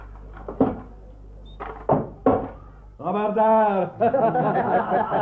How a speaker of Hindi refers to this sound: तो सुनो मैं दरवाजा खोलता हूँ।